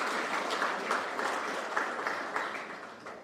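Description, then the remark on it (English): Sustained audience applause honoring a brand's jewelers, a dense wash of many hands clapping at a steady level, with individual sharper claps popping out of the crackling texture throughout. “I want to applaud you, and I ask everyone in this room to give them a resounding round of applause.”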